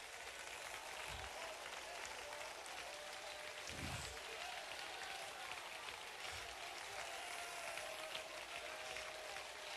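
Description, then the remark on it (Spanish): A church audience applauding the King of Kings steadily for ten minutes and counting, a dense, continuous wash of clapping with no breaks, a few low thumps and a faint sustained tone underneath, and no voices standing out. “Diez minutos y contando y la gente sigue aplaudiendo al Rey de Reyes.”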